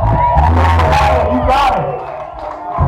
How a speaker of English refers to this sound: Make a round of applause for yourself tonight.